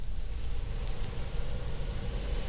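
Airplane engines rumble steadily, a dense low droning roar with a hissy wash above it that holds even and unbroken throughout, with no voices. The plane's four motors are being started one after another while passengers sit aboard.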